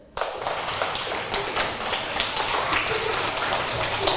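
Many hands clap together in a dense, scattered patter that starts abruptly and keeps going steadily, as children clap their hands at the teacher's request during a lesson on sounds people make, with no talking.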